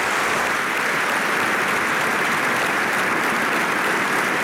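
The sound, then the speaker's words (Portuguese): Sustained applause from a large party congress audience in Portugal, a dense, steady wash of clapping that stays loud and even throughout with no speech over it. “Tem de ser o aplauso do Congresso.”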